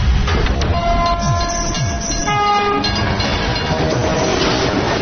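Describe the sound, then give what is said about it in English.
A loud train rumbles past, its horn sounding in long sustained blasts over the heavy roar and rattle of the cars. No one speaks. “found out the hard way what a train can do.”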